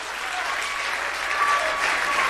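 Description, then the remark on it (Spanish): An audience gives a big round of applause to Christ, dense clapping from many hands at a constant, fairly loud level with no pauses. “Dale un aplauso grande a Cristo, que Él se lo merece.”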